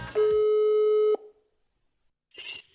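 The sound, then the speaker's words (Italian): A steady telephone line tone rings out loudly for about a second, then cuts off, leaving a brief quiet before a faint click and shuffle as the call connects. “quindi adesso becchiamoci Roccoloria con Fabrizio Nardone e la solita telefonata.”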